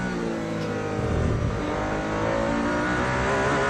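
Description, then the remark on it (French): A race car engine roars steadily at high revs during the warm-up session, its dense harmonic whine holding loud throughout with slight pitch shifts as the driver pushes the car's limits, no voices present. “C'est le warm-up, mais on pousse un peu les limites de la voiture pour voir, là, sans doute pour valider un setup et voir si on est dans les bonnes plages de réglage”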